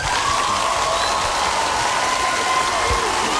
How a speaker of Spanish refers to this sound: que hoy cumple años, que la pase increíble, claro que sí, un fuerte aplauso para ese cumpleañero.